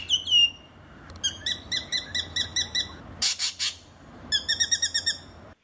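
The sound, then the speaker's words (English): A spangled drongo calls alone, mixing a sliding whistle, quick rhythmic series of bright metallic notes, and a harsh rasping burst, incorporating the songs of other birds into its own call. “Yeah, it's all the spangled drongo, but it sounds like it's.”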